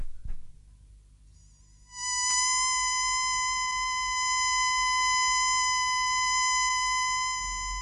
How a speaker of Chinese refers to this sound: 好，等我发出紧急口哨，召他们回来，大家集中在一起比较好点。